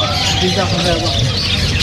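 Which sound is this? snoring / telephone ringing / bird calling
bird calling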